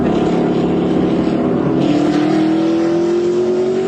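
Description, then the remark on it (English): Loud car engines roar continuously during street racing on the Buckman Bridge, with one rising steadily in pitch as it revs and accelerates as racers push their engines hard. No voices. “Street racing on the Buckman Bridge.”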